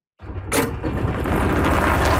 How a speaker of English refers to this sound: A familiar sound on the greens of a golf course in Sylvan Lake. But now, the hum of the engine is finding its way onto municipal roads.